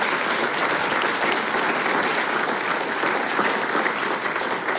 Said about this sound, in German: Ja, ein Applaus.